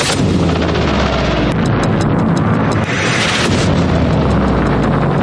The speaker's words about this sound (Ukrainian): Безсмертного полку теж не було, бо росіяни та колаборанти на півострові налякані постійними вибухами.